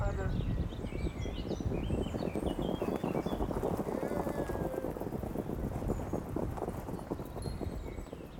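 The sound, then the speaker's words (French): Racehorses racing at the La Prairie racecourse in Caen, France, a dense, rapid drumming of hooves on turf that stays loud for the whole stretch, with small birds chirping faintly above. “J'habite à la Prairie, c'est vraiment l'endroit où j'aime le plus y être, puisque déjà le matin, des fois quand je me lève, je vois les courses de chevaux.”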